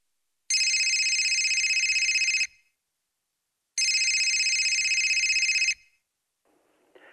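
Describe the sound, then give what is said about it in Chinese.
A telephone rings twice, each long, buzzy trill lasting about two seconds and separated by a pause of silence; the rings are loud, with no voices present. “我今天打电话是向你求救来了。”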